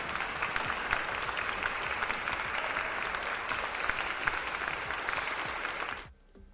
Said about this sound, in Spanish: Ahí le ponemos sus aplausos.